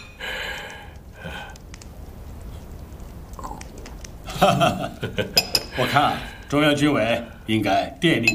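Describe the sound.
Porcelain teacups clink together several times in quick succession, a toast made with tea in place of wine, amid a lively clatter of dishes, with people murmuring and talking throughout.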